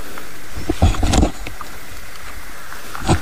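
A common toad croaks in low, rasping bursts, a cluster of grating calls early on and one more near the end, over a steady hiss of background noise.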